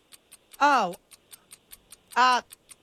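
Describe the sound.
A quiz countdown clock set to 60 seconds ticks in a steady, quick rhythm of sharp clicks, with two short bursts of a voice rising over the ticking partway through.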